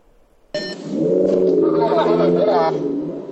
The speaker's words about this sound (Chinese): 民警在巡逻过程中发现这辆车排气噪音巨大啊，涉嫌改装，跟明显正常的车辆这个噪音不太一样。